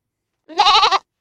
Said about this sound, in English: Daddy, what was that? Why, son, that's the mighty WGOT goat flying through the airwaves and spreading the sound of freedom on 100.1 LP FM Gainesville and streaming everywhere on WGOT.org.